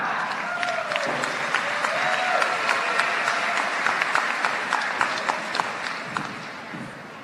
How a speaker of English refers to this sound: Let's give the graduates another round of applause.